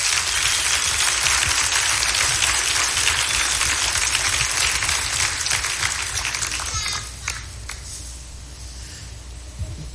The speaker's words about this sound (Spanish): Así que yo lo invito a que tal si lo recibimos con un fuerte aplauso.